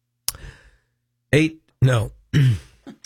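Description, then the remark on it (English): A raspy throat clearing rasps out once, then three short, loud voiced grunts follow in quick succession, like someone working to clear their voice. “Let me clear my throat here.”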